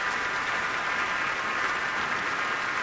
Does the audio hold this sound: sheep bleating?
no